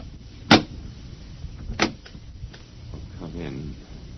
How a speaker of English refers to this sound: The last man on Earth sat alone in a room. And then there was a knock on the door.